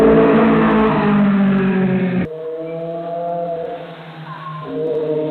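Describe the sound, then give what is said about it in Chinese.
A motorcycle engine roars loudly, throttle blipped hard, then settles into a steady droning idle with shifting pitch before revving up again near the end; motorcycles deliberately revving hard to make loud noise on Zhongxing Road and Heping Road, Yuzhong District, Chongqing. “近日，渝中警方接到群众举报，称渝中区中兴路和平路路段有摩托车频繁猛轰油门，制造巨大噪音。”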